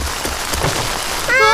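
Steady rain falls with a dense, hissing patter throughout, fairly loud, and a bright tonal sound rises over it near the end.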